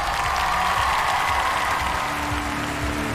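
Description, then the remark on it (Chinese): Sustained audience applause at a music competition welcoming 100 international public jury members, a dense, even wash of many hands clapping at steady loudness for about three seconds, with no voices standing out. “接下来让我们欢迎来自全球各地热爱音乐的100位国际大众评审，掌声欢迎各位。”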